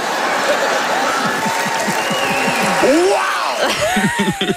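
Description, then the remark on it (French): A crowd claps steadily and loudly for several seconds, applauding jokes about religion and the health system, with rising and falling whoops and cheers breaking out over the applause toward the end. “Hey, des applaudissements pour des blagues de religion et de système de santé.”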